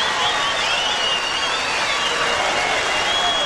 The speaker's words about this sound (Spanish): Un aplauso grande para el coro Chiquicanto de Mataderos.